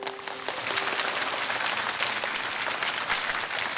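A roomful of people in a classroom clapping together to encourage a student for his interpretation of a poem, a dense, steady burst of applause that swells quickly and holds at an even level for a few seconds, lively.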